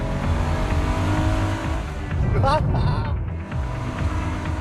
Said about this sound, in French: C'est la première fois que je me retrouve au volant d'une R33 GTR. J'avoue que moi aussi, je suis très étonné. Je pensais que cette voiture aurait l'air balèze et trapue. Mais l'intérieur ressemble à celui d'une Micra.